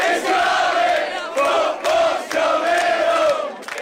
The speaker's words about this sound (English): With the sun coming up, the crowd burst into song.